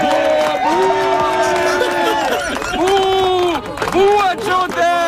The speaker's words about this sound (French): Le gars qui crie « bouh » à Jodette à la fin, là, c'est François Legault, hein? Juste pour qu'on soit sûr.